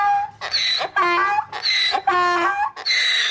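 A donkey brays loudly alone, a rhythmic run of about five harsh, harmonic hee-haw bursts that alternate between higher and lower pitch over a few seconds.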